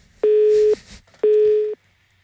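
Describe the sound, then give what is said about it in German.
A telephone busy signal after a dropped call: two steady electronic tone bursts, each about half a second long, separated by a short gap, fairly loud with no one talking. “Habt ihr mich rausgeschmissen?”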